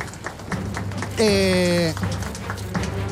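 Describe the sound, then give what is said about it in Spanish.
An audience at the Corazón Callejero contest claps spontaneously as the first-placed contestant is announced, a dense, crackling patter that lasts throughout, with a brief sustained tonal cry, like a whoop or whistle, rising above the clapping midway. “Y el aplauso espontáneo.”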